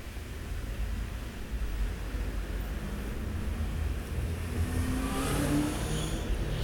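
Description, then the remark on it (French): Steady street traffic pulling away at a green traffic light, with engines rumbling and vehicles accelerating away: cars, taxis, vans, trucks, a yellow Volkswagen and a city bus. A continuous low roar of cars and heavier motors passing, with no voices. “Le feu est vert.”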